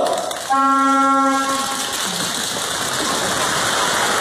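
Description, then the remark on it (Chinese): A high-speed train roars past with a steady whooshing rush, its horn sounding a single loud, sustained blast for about a second near the start before the rushing noise carries on alone. “明天到 无锡， 去完无锡接着冲高铁直达 徐州。”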